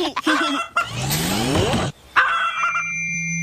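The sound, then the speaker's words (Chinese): A chicken called Gugu Ji, practising how to bark, lets out a few strained, honking clucks in quick bursts, fairly loud, with a brief pause between calls, almost like an attempt at barking. “快点吧，咕咕鸡，汪汪叫！抱歉，灰灰，我们还在练习怎么汪汪叫。”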